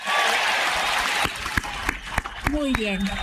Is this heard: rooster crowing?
no